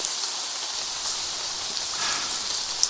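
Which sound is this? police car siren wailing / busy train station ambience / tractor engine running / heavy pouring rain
heavy pouring rain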